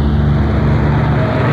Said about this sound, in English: Well, be ready. We'll have to wave him down. This isn't a regular stop. Hey, here comes the bus now. Hey, driver! Hold it up! Hold it up, driver!